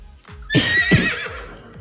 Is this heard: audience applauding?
no